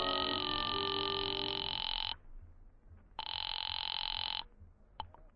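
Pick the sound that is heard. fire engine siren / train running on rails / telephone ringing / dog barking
telephone ringing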